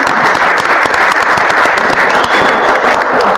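An audience breaks into sustained applause welcoming a new member of a team's technical staff, a dense, steady wash of many hands clapping at full volume for a few seconds without pause or talking.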